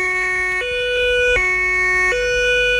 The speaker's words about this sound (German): Tatü, tata, der Krankenwagen ist da.